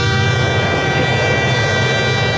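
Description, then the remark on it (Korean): A distant train rumbles past in a steady, broad roar, with a sustained horn tone held over it throughout. No voices, just the continuous mechanical wash. “무거운 발걸음으로 터벅터벅 집으로 오는데 저 멀리서 기차 소리가 들려왔습니다.”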